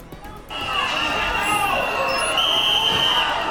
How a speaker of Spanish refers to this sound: Con pitidos ha sido recibido en Ceuta el ministro del Interior a su entrada a la delegación de gobierno.